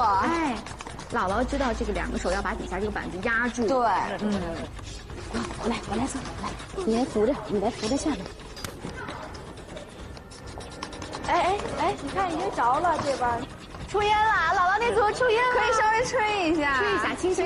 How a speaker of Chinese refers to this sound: 现在已经给大家准备好了工具了，我先给大家说一说游戏规则，好不好？ 好。 嗯，咱们这次非常简单，不限时，哪队家庭先钻出火来就算赢